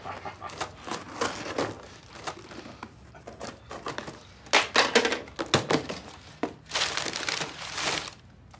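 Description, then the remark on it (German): Crinkling and tearing of packaging as a parcel is cut open with scissors and unwrapped, with bursts of rustling, a few dull thunks, and quieter handling sounds between them. “Haben Sie mal eine Schere da?”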